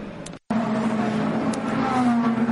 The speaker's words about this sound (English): Into the pits comes one of the two Alpines, the 36 Jules Gounon driven car, which is was third, and it's going to get a driver change as well.